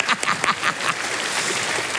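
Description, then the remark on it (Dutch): Audience applause for children who have returned to their seats rises into a dense, steady patter of many hands clapping, with a few sharper claps standing out at the start, moderately loud. “Dan krijgen jullie een groot applaus.”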